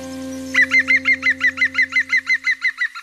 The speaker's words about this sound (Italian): Eh no, Picchio Verde, adesso non posso più parlare di voi.